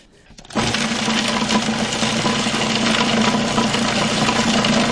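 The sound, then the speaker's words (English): A kitchen machine whirs to life after a brief quiet moment, running steadily and loudly with a dense, buzzing motor drone as it finely chops herbs including basil. “We are not pureeing. We are finely chopping.”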